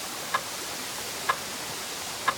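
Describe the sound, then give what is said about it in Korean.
A clock's second hand ticks steadily, three sharp, light clicks spaced about one second apart over a soft, even background hiss, with no voices present. “귓가에서 시계 초침 소리가 들렸다.”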